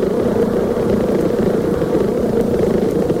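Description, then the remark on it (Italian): A steady, dense buzzing of honeybees during a waggle dance that signals a food source 0.5 km away, a continuous low droning hum that holds an even loudness throughout, with no voices. “L'intervallo di tempo delle oscillazioni e il numero degli impulsi sonori emessi ad ogni ronzio indicano la distanza dalla fonte del cibo.”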